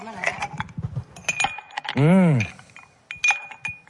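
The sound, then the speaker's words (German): Ice cubes clink and rattle against glass in a quick series of bright ticks, interrupted midway by a short rising-and-falling vocal tone before more clinking. “Das klingt gut, ja, Eiswürfel.”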